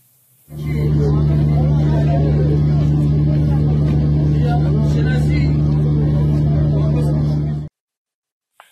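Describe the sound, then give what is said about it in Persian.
Loud, continuous rumble of idling and slowly moving car engines in heavy traffic in front of the Bagh-e Rezvan cemetery in the morning, on the 20th and 21st of Dey, with a steady low hum for about seven seconds before cutting off abruptly. “ویدیویی ببینیم از ازدحام خودرو مقابل باغ رضوان در صبح 20 و 21 دی ماه.”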